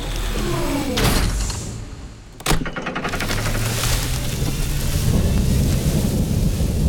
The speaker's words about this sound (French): Et voilà l'orage. Oh non, je déteste ça.